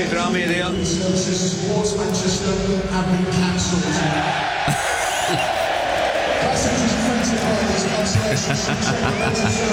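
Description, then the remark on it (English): A big crowd of Hull football fans roars and cheers loudly and continuously for about ten seconds, a dense wall of shouting voices and whoops without a break. They are reacting to a public address announcement that the trains back to Manchester were cancelled. “So the Hull fans were very excited because the trains back to Manchester were cancelled and it was announced over the public address system.”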